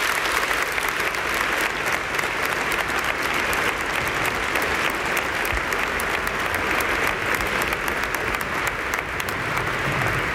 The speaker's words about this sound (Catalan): Les aplaudimos a ellos porque lo merecen.